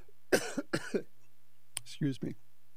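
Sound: cough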